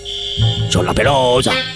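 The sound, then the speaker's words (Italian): An alarm signal is played as a test so a woman can confirm she hears it: a steady, high-pitched electronic alarm tone holds continuously and fairly loud, while a lower, wavering voiced sound rises and falls over it midway through. “Mandiamo il segnale d'allarme, per favore, per la signora.”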